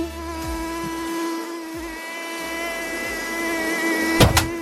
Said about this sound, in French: Le bruit du moustique vient... que vous entendez, là, que vous avez entendu, vient du battement d'ailes, je sais pas si vous le saviez,